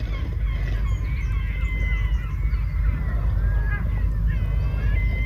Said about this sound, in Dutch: Net als meeuwen, want die hebben wij thuis ook. Maar Galicische meeuwen